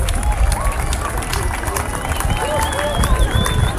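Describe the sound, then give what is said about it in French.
An outdoor crowd applauds the sun during a solar eclipse at 20:27, a dense wash of clapping mixed with murmuring voices, while gulls and seagulls cry, rising and falling over the top throughout. “On applaudit le soleil quand même, c'est magique.”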